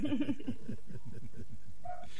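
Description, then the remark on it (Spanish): A neighbour's male dog, left alone, barks in a quick, steady run of yaps. A few louder barks come at the start, then a string of fainter, evenly spaced barks. “Bueno, con perro y todo, te estoy escuchando y te estoy siguiendo.”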